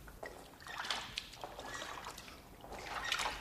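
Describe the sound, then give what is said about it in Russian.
Faint, soft splashes of oars dipping into a river at night as a boat comes to shore, a few gentle strokes over a low watery wash, with no voices. “А через некоторое время с реки донесся слабый всплеск весел.”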